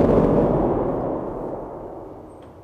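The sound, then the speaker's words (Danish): A loud, deep rumbling roar like a thunderclap, played on a church organ's large thunder pedal that presses all twelve lowest pedal keys at once, dense and low, slowly fading over a few seconds with no voices. “Men det kan jo altså også være en torden, der er lige op over.”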